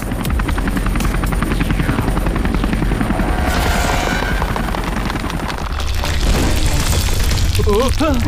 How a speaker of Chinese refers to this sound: 火箭点火， 无人机最大输出。